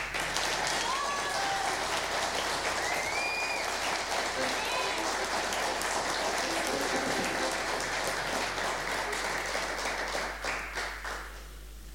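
An audience applauds steadily as a band's drummer is introduced, a dense wash of many hands clapping at once for around ten seconds before it thins out and fades near the end. Some whistles and cheers rise above it.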